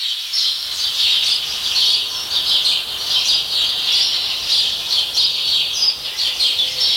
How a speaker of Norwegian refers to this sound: Hører du om det mange eller få forskjellige fuglearter I denne skogen her? Nei, det kunne vært bare at det var en som tok all oppmerksomhet. Ja. Men det kan være mange, mange av den ene da.